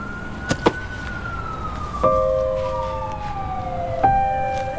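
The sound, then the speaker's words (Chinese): An ambulance siren wails steadily as the ambulance drives in, its pitch sliding slowly lower as the vehicle moves, fairly loud, with a few sharp knocks punctuating it and no one speaking. “快，把救护车开进来！”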